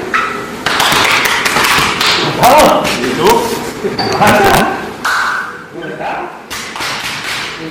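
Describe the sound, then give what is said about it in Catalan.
A series of loud slapping thuds land in uneven bursts, hard slaps on each other's backs as football players embrace in greeting, with voices talking and exclaiming around them. “s'han de pegar molt fort l'un a l'altre quan s'abracen a l'esquena”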